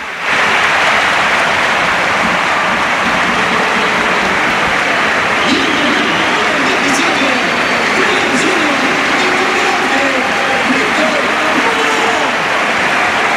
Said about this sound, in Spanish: Mira Lamin que listo, ¿eh? Se aleja de la banda para que la ovación sea más sonora. Y se marcha en efecto Lamin Yamal, escuchamos al Pizjuán.